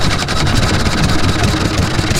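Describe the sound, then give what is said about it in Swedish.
A small Olympia 3.5-horsepower outboard boat motor runs steadily out in the archipelago, a loud, continuous buzzing drone with a rapid rhythmic chug and no pauses, with no voices. “Olympia, 3,5 hästkrafter.”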